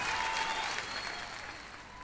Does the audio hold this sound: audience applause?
yes